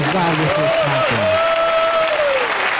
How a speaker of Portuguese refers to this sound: podem louvar a Deus com palmas para Jesus